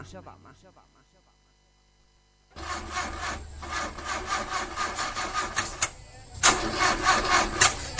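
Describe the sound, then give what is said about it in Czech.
An old car's engine cranks over and over in a steady, rasping rhythm without catching, loud, after a brief bit of speech and a short pause. “Neće ti nešto taj auto, a?”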